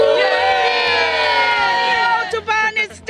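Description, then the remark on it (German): A large crowd cheers loudly and continuously on a closed autobahn in the Ruhr area in 2010, a dense wall of shouting voices that breaks into a few uneven bursts near the end. “Alle Räder auf der Autobahn stehen still und die Menschen jubeln auch noch.”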